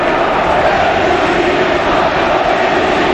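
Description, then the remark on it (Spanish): A stadium crowd, waving handkerchiefs, roars in a sustained ovation for Erika, Antoine's wife, a dense, loud wash of cheering and applause that holds steady without a break and with no distinct voices standing out. “Ovación a Erika, a la mujer de Antoine”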